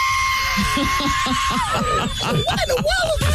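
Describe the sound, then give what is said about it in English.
A man vocally imitates the screeching whistle of a plane he heard flying past his house: a steady high tone held for over a second, then wavering and sliding downward, loud against a low rumble. “And I heard a screech. I saw that between a screech and a whistle.”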